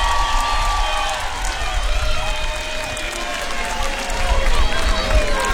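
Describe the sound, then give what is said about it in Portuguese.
A large audience at a live music concert claps and cheers steadily for several seconds, a dense continuous wash of applause with scattered voices shouting and whooping throughout. “Uma salva de palmas para todos vocês.”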